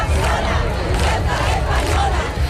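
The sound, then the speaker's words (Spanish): A large protest crowd at a mass demonstration in Spain shouts against the government in a loud, continuous roar, with the massed voices swelling and pulsing rhythmically throughout the short stretch. “Decenas de miles de personas han protestado en toda España, unas movilizaciones marcadas, como escuchan, por los gritos contra el gobierno.”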